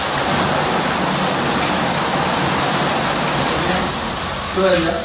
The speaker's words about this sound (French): Rien que cette douche pénétrante avec cette petite dizaine de jets là qui vous masse le dos pendant 5-10 minutes, je peux vous dire franchement, mais quelle détente!